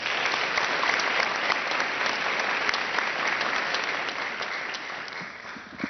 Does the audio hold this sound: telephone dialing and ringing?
no